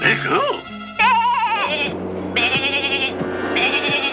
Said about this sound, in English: I hear sheep!